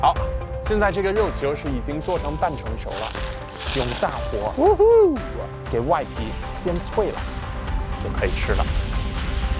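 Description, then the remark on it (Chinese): Meatballs, already steamed and half-cooked, sizzle steadily in a hot pan over high heat as their outer skin is fried crisp, a constant hiss with small pops and crackles running under a man talking throughout. “现在这个肉球是已经做成半成熟了，用大火给外皮煎脆了，就可以吃了。”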